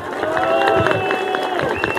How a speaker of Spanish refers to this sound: Vamos a recibir, como se merece, con un fuerte aplauso, que venga al micrófono nuestro presidente municipal, Nazario Gutiérrez Martínez.